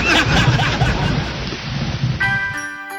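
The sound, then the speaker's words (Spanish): Steady, dense rain hisses, a continuous wash of patter that holds for the whole clip, the first drops of rain falling at Costanera; near the end a sustained musical tone begins to ring out over it. “Están cayendo las primeras gotas, chicos.”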